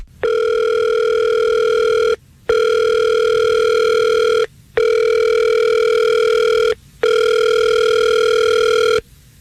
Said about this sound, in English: Let's call him right now. We'll see if we can get him on the phone.